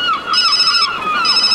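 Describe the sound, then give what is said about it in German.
A mobile phone rings with a bright, warbling electronic tone, loud, repeating steadily with no talking over it. “Plötzlich klingelte das Handy.”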